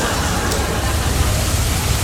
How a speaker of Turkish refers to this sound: Ama nasıl yağıyor, bak. Şırıl şırıl, mükemmel. Böyle yağıyor.